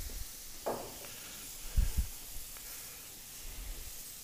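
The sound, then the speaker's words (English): A splash of San Giuseppe white wine sizzles in a hot pan with anchovies, giving a steady, bright hiss that runs through the whole clip, with a few dull low thumps partway through. No one speaks. “And then, just when it's getting hot to the point where you're worried that it's going to burn, then a splash of white wine.”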